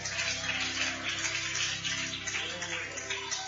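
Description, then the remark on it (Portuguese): Dense, sustained applause from a large church audience applauding for the Lord, a steady wash of many overlapping claps with no pauses, holding at an even loudness throughout. “Mais forte esse aplauso para o Senhor.”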